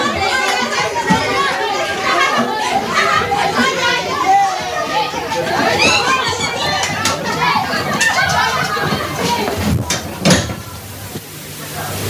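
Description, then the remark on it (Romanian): A crowd of children chatter and shout over one another in lively, continuous babble as they are let out of class to go play in the yard, with a brief clatter like a door sliding near the end as the noise thins out. “Copii, vă puteți duce în curte să vă jucați.”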